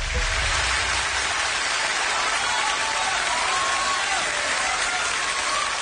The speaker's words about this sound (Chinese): 谢谢谢谢观众朋友们的掌声啊！ 感谢大家。